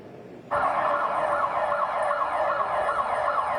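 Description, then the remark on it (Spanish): An earthquake warning alarm in Bogotá, Colombia, starts abruptly and blares continuously to warn the population of an earthquake, a loud siren-like tone with a steady wavering pitch and faint higher harmonics, with no voices over it. “Y así han sonado las alarmas para avisar a la población de ese seísmo en ciudades como en Bogotá.”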